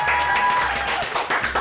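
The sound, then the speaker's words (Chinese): A single person claps their hands several times in a quick, slightly uneven run after tasting food, fairly loud over a steady low background hum. “哦，请收下小弟一声鼓掌”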